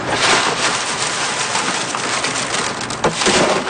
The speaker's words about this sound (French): Pour aller chercher le picot à l'intérieur, je les écrase avec les mains. Puis après, avec le vent, j'envoie ça ici, on appelle ça vanner. C'est que là, avec le vent, la cosse, ça s'en va, puis le grain tombe.